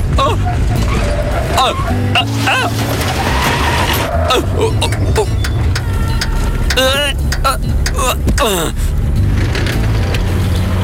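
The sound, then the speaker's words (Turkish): A car engine sputters and coughs in uneven bursts, failing to catch, amid a loud, busy mix of clattering noise and warbling, voice-like sounds throughout. “Gördün, araba bile sinirlendi.”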